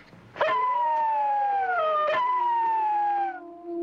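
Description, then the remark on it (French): Several wolves howl together in Paris beside the Jardin des Plantes, long, sustained, wavering tones that overlap and slowly slide in pitch, loud, with no talking over them. “Qu'est-ce que c'est? Eh ben, c'est des loups.”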